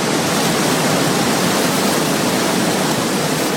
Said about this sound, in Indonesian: Derasnya air Sungai Serayu terdengar tidak jauh dari Waduk Merica, Banjarnegara yang mempunyai luas 1.250 hektar.